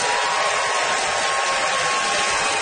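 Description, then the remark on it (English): An audience applauds steadily throughout, a dense, even wash of many hands clapping at once with no voices breaking through, holding the same loud level from start to finish, as the audience votes by applause for a contestant on stage. “Well, we're all representing something on stage here, and it's time to vote. By applause, who thinks that a win for Chad would be right on the money and richly deserved, Chad Anderson.”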